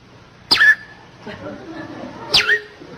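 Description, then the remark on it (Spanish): Two quick whistled calls, each a sharp rising-then-falling chirp, spaced about two seconds apart, with faint background between them; a human voice whistling in imitation of a female bird's call. “Y la pajarita toda coqueta le comienza a silbar, ¿no?”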